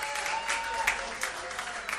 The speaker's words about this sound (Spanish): ¡Aplauso! ¡Gracias! ¡Fuerte!